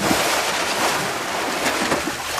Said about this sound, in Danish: Altså lyden af sådan en dukkert. Jeg tror, jeg skal ud og have en morgenfrisk dukkert her i løbet af weekenden.